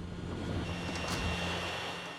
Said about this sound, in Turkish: Yukarıdan gelen gürültü sondayı alacak olan kapağın açıldığı yerden geliyor. Uçuş güvertesinin titreştiğini hissediyorsunuz.